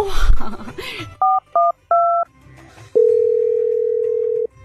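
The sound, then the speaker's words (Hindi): Three short, bright two-tone keypad beeps as the camera unit's telephone number is dialed, then a long steady lower tone hums on. A brief stretch of voices comes just before the beeps. “अच्छा camera unit का number क्या है? 132।”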